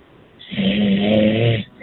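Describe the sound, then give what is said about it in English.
A man snores once, loud and rumbling, lasting about a second, with a raspy buzzing texture before it trails off into quiet; it is 2 a.m. in Montreal. “He's snoring!”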